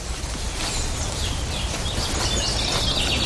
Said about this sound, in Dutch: Dat is een zwartkop. En een zanglijst, hoor.